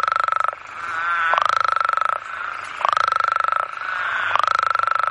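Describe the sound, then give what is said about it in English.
Loud, raucous calls of breeding male toads in water, a harsh buzzing trill pulsing in long repeated bursts about every one and a half seconds, continuous with no pause between chorusing males. “The males typically will arrive first and then they'll start to call. They have very loud calls, like a lot of frogs, but these guys in particular have really loud calls.”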